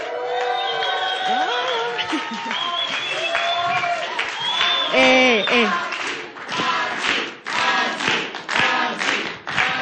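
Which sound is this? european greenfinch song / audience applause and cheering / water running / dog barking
audience applause and cheering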